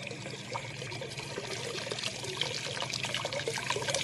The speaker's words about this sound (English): Well, at least I'm not sure, but that water, there ought to be a lot more water than that coming through the gate, a whole lot more.